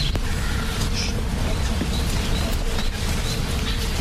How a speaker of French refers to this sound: Est-ce que vous l'entendez ce bourdonnement? Oui. Ben ça, ce sont les abeilles, hein, qui sont dans les arbres là. Tout le monde l'entend ce bourdonnement? Non. Écoutez bien, ne faites surtout pas de bruit, on l'entend bien.